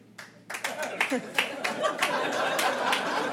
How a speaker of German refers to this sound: Ja, so klatschen Leute, die verheiratet sind.